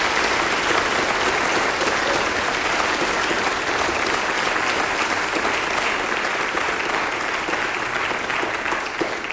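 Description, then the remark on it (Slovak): Sustained applause from a large choir-concert audience for the conductor and choirmaster Adrian Kokoš: a dense, steady wash of many hands clapping at an even, loud level for the whole stretch, with no voices standing out. “No a v roku 2004 sa začala písať nová moderná kapitola a za to patrí veľká vďaka a určite aj potlesk dirigentovi a zbormajstrovi Adrianovi Kokošovi.”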